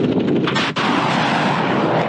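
A fiber-optic guided 'Ying-8' (Eagle 8) missile blasts out of its launch canister, its fins unfolding, with a loud, steady roaring rush of rocket exhaust that fills the whole clip, broken only by one brief dip partway through. No one speaks.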